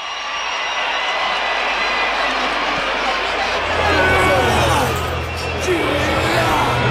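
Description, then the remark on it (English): A large rugby stadium crowd roars and cheers as the South Africa team emerges from the tunnel, in a steady, dense wall of noise, loud and continuous throughout, with a low rumbling hum rising beneath it partway through. “Now the Springbok Warriors emerge from underneath the tunnel, and they psych up the crowd.”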